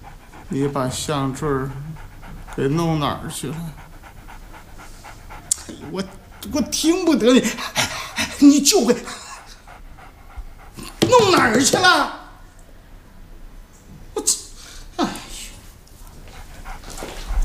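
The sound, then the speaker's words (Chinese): A dog pants in quick, breathy bursts, with occasional soft whimpers, while people talk intermittently over it. “哎，那这狗， 先走吧。”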